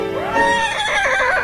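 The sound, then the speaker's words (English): A person imitates a horse whinny like the horse Farlap, a loud rising then wavering vocal neigh lasting about a second and a half, with no other talking. “It's not Farlap, it's me.”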